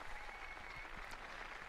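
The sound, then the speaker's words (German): A large crowd applauds steadily outdoors at a papal event at the harbour of Santa Cruz (Heiligenkreuz) on Tenerife, answering the Pope's invitation, the clapping blending into a dense, continuous wash of sound at an even level, with no voices standing out. “Dieser Einladung des Papstes stimmt das versammelte Volk Gottes mit Applaus zu.”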